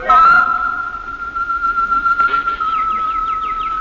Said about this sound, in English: I went into the aviary as she suggested, and I listened to the birds.